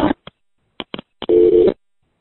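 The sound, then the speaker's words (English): Payphone line: a few short, clipped bursts give way to a steady, buzzing line tone that holds for about half a second before cutting off into silence, as the call's paid time runs out and the phone won't take another quarter. “Anyway, I'm out of time and this phone won't take my next quarter, so talk to you soon.”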